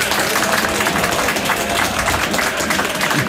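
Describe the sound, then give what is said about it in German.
Steady, dense applause from a studio audience said to number 10,000 people, loud, with many hands clapping continuously and a faint crowd murmur underneath, congratulating a radio sports reporter on his report, filling the whole few seconds. “was du wahrscheinlich nicht weißt, ist, dass Tausende am Radio zu hören, aber 10.000 Menschen hier im Studio sind, die dir für deine Reportage jetzt gratulieren werden durch einen Applaus.”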